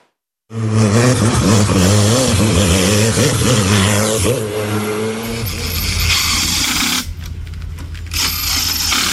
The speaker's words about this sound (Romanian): În stațiunea Rânca din Gorj, motoarele turate și mirosul de cauciuc încins au acoperit liniștea muntelui. Zeci de piloți din toată țara au participat la competiția de viteză în coastă, unde fiecare secundă a fost esențială.